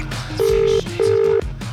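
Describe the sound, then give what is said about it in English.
A phone line's ringback tone on an outgoing call to a contest winner sounds as two steady, fairly loud electronic tone bursts in a quick double pulse, heard through a call connection with a faint background hum. “It's getting far into the ringtone.”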